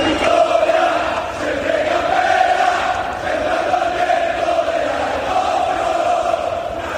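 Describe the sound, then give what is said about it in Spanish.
A large crowd of black-and-white Castellón football supporters chants in unison at the Almería Stadium in Almería, Spain, a sustained, loud roar of massed voices with a steady rhythmic swell for the full stretch. “Y si hay algo que merece un aplauso especial, es la afición albinegra, que así sonaba anoche en el Almería Stadium.”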